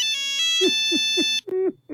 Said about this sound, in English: All right, mobile phones were around in the 90s, but not smartphones the way we have them now. But you might remember this. Oh, yes. Nokia.